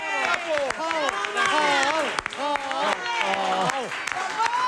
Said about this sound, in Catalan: També dono per inaugurades les obres del pont. Ara sí podeu aplaudir. Bravo! Bravo! Bravo!